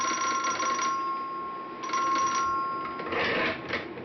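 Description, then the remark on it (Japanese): In a railway station building, a bell rings with a steady, high ringing tone while bursts of rapid telegraph tapping clatter in and out, pausing briefly between runs, during the exchange of a tablet, a round iron token allowing a train onto a single-track section. No one speaks. “駅舎に響く打電の音に鐘の音、通行手形タブレットのやり取りです。”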